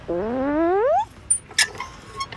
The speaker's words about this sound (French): il y a les balançoires vertes qui grincent quand Toudou monte dessus.